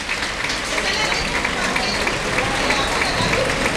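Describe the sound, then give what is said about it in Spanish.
A bullring crowd gives a strong, sustained ovation after matador Juan Ortega kills the bull with the verduguillo at the first strike, earning one ear. Dense applause and clapping hold steady and loud throughout, with a broadcaster's voice talking over it. “Pues se va a quedar en una oreja y en una fuerte ovación.”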